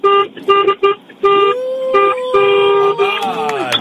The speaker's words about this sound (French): Remettez-moi un petit coup de klaxon là. Encore.